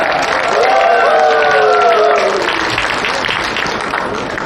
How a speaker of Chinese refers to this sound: 再次以掌声送给这位勇敢美丽的小姐姐。